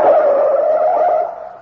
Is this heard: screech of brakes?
yes